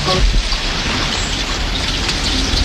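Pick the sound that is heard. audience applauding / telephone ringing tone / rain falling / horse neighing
rain falling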